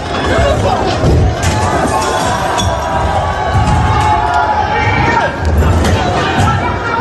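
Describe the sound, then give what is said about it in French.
A loud, dense crowd of high school students protesting in France, shouting and yelling continuously amid clashes during a large student movement, voices overlapping in a chaotic din with occasional sharper cries and cheers rising above the noise. “Voilà, on entend les heurts, les cris et les mouvements d'humeur de la jeunesse française dans ce grand mouvement lycéen.”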